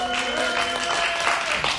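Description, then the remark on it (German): A crowd makes noise to vote for the hexagon, a steady wash of cheering and clapping with a few higher sustained shouts standing out, holding at an even loudness for nearly two seconds. “Oder ist für euch Hexagon, dann macht bitte jetzt einen Lärm.”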